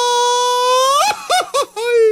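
A person attempts a mariachi grito: a long, high sustained yell that rises and then breaks into several short warbling yips before a final held cry, loud, with no talking.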